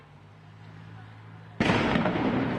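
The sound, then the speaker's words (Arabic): A stun grenade goes off with a single sudden, loud blast after a quiet stretch of low hum, its harsh roar ringing on to the end; stun and gas grenades fired by Israeli soldiers from inside a camp's courtyards toward Palestinians gathered outside. “هذه قنابل الصوت والغاز التي يواصل جنود الاحتلال الإسرائيلي من داخل ساحات المخيم بإطلاقها من داخل الساحات اتجاه الفلسطينيين في الخارج الذين لا زالوا يتكدسون بالآلاف بسبب إغلاق كل الطرق،”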